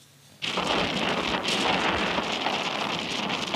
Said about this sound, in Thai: อิทธิพลของพายุไต้ฝุ่นดอลฟินส่งผลให้เกิดลมกระโชกแรงและฝนตกหนักในหลายพื้นที่ทางตอนใต้ของประเทศญี่ปุ่นรวมถึงจังหวัดโอกินาวะและคาโกชิมะ